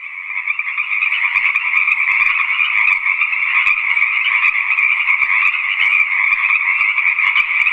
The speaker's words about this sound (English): And that animal is indeed a green tree frog. This sound is often confused with crickets, so if you had that down, I'm sure you won't be alone with that guess.